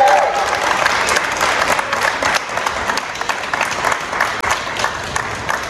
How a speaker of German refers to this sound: Wenn ich jetzt das Mikrofon habe, dann hätte ich gerne nochmal einen ganz herzlichen Applaus